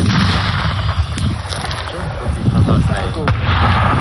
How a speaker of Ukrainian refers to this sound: Постріл!